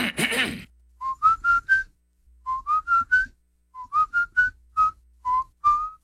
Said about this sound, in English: I have a lot of people tell me they hear me whistling on the radio.